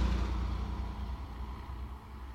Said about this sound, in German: Das Taxi hielt vor dem Ferienhaus.